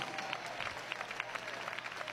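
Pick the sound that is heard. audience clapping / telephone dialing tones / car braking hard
audience clapping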